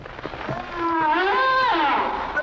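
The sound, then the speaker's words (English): A humpback whale song: a long, rising and falling tonal moan with rich harmonics, swelling smoothly over a couple of seconds with no talking. “Humpback is exactly right.”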